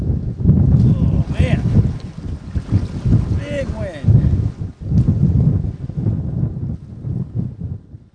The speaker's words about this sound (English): You can see it's quite windy. We got some waves.